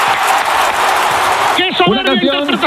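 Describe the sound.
A crowd applauds loudly, a dense burst of clapping and cheering for about a second and a half, then a man starts talking while the noise drops away behind him.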